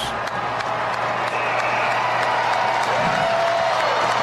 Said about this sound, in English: Start to hear a bit of cheer in the stands, and it is a big house here tonight at Great American Ballpark.